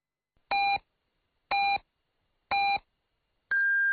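Radio hourly time signal beeps on Liuhe Radio and Television's general broadcast, marking 6 o'clock Beijing time: three short, evenly spaced electronic pips one second apart, then a longer, higher-pitched final tone, all clear and prominent with no talking.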